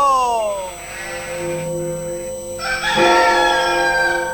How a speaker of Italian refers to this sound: Svegliatevi, quando canta il gallo bisogna svegliarsi, eh.